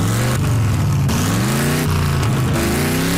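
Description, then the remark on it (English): A car engine revs loudly in repeated surges at a gas station, its low growl rising and falling in pitch over a few seconds, with no voices over it. “You want me to rev her louder?”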